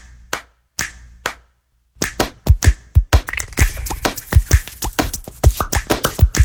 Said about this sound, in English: Hands can do incredible things. They made every sound in this piece of music.